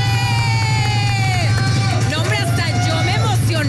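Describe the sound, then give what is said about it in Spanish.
The studio audience of the programme Amigos sin Derechos applauds and cheers to welcome Mon Gómez, a loud, continuous wash of crowd noise with rising whoops and shouts rolling over a steady low hum for a few seconds. “Un fuerte aplauso para recibir a Mon Gómez.”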